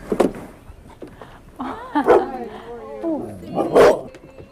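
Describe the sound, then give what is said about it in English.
A dog at a house full of animal cages lets out a few sharp barks spaced over several seconds, fairly loud, with whiny, voice-like sounds in between. “And there's a dog.”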